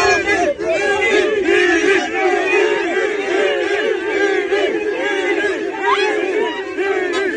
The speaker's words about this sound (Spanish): Mucha gente gritando Vinicius y él sonriendo en la salida del Estadio Santiago Bernabéu.